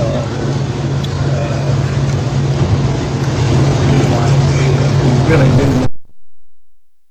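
A Harley motorcycle engine is started and rumbles loudly, a steady deep throbbing idle with a gritty roar on top, running for several seconds before cutting off abruptly.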